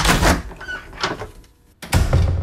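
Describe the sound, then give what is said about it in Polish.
A door is handled: a few clattering knocks and rattles, a brief quiet pause, then a loud heavy thud as it shuts, with no one speaking. “Drzwi, la puerta.”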